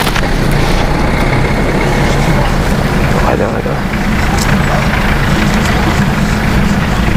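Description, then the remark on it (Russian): A green military funeral van's engine idles, a loud, steady low rumble with a vibrating drone running unbroken throughout, while a voice briefly speaks over it. “Что вообще, что за машина? А, ритуалка-то. Она военная, она зеленая.”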